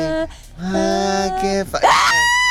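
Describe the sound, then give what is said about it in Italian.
A loud, drawn-out human scream with a shrill, wavering pitch that swells and sweeps upward near the end, dominant throughout. “Poi scatta l'urlo.”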